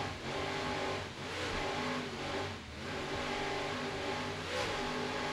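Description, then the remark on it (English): A racing boat's two 800-horsepower Mercury inboard engines roar steadily and loudly as they rev up at the start of a race, with slight surges in pitch over several seconds, a dense continuous mechanical drone with no voices. “Let's listen to those Mercury engines as they rev up and start the race. Powered by two 800 horsepower Mercury inboards”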